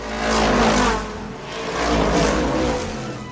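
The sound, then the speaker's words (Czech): A race car engine revs loudly in two surging waves, the roar rising and falling as McQueen's race car speeds back onto the track and straight into the lead, with no voices. “Rychlostí blesku se dostal zpět na trať a hned do čela.”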